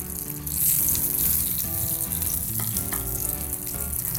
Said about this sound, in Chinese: 哇，你看，这样煎就很好吃啦。